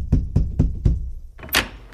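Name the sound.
knocking on a door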